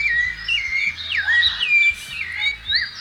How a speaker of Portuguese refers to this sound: Olha só os passarinhos recebendo. Eita, mundão de Deus!